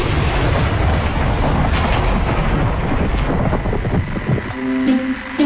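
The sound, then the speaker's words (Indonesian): A thunderstorm with lightning outside: heavy rain roars in a dense, steady wash with deep rumbling thunder underneath, and in the final second a humming, tonal buzz appears. No one speaks. “Woi petir, woi petir, woi. Di luar hujan, woi.”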